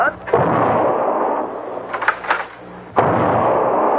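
Gunshots fired at a crow flying away: sharp cracks, one near the start and another near the end, with smaller pops between, all over a loud, steady rushing noise.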